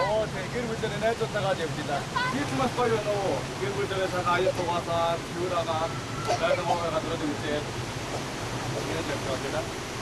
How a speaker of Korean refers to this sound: 무더운 여름이 찾아오면 오로온 계곡의 우렁찬 물소리가 더 그리워질 것 같습니다.